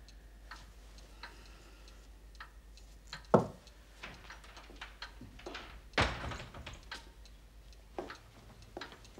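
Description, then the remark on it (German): A back door opens and shuts, two sharp wooden clunks about three seconds apart, with faint clicks and light ticking amid otherwise quiet. “Die hintere Tür war noch offen.”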